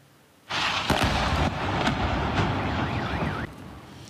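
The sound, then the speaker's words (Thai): A loud, sustained rumbling roar with several sharp blasts or booms punctuating it about every half second to second, as explosions from US military strikes hit the city of Bandar Abbas, Iran, at night; a wavering alarm-like tone briefly rises over the din near the end. “ผู้เห็นเหตุการณ์บันทึกภาพขณะที่เกิดระเบิดขึ้นที่เมืองบันดาอับบาสของอิหร่านทำตามรายงานการเกิดระเบิดเช่นนี้ขึ้นหลายครั้งทั่วอิหร่านหลังกองทัพสหรัฐออกมายืนยันว่าได้เดินหน้าโจมตีเป้าหมายทั่วอิหร่านติดต่อกันเป็นคืนที่13”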